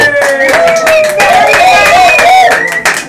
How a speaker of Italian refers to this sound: le voci che sentite, l'applauso, è il meraviglioso pubblico dell'Hub 52. Stiamo registrando nel cuore della città di Ancona.